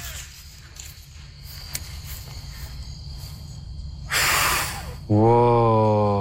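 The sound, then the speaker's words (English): A child blows a single breathy puff at a dandelion seed head, trying to blow off all the seeds. The puff lasts about a second over a low hum and is followed immediately by a loud voiced exclamation. “And we took a dandelion and we tried to blow off all the seeds, but only one side would come off.”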